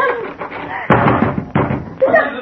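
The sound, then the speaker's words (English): Heavy pounding as people try to break down a locked door: three loud thudding blows spaced roughly half a second apart, with agitated voices underneath. “Break the door down, quickly!”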